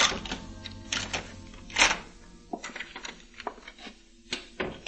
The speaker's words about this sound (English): I closed the door behind me, hurried along the corridor, and began climbing the service stairs.